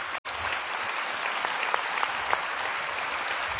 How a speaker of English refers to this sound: What a beautiful rendition of Guru Vandana today. Every facet, I think we should give him a loud round of applause.